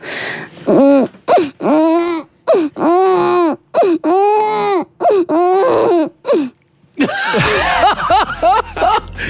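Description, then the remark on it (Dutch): An adult voice imitates a crying baby on a national radio broadcast, a string of rising and falling wails, each separated by short gaps, loud, ending in a rougher, broken stretch of cries. “Jij kan een baby imiteren.”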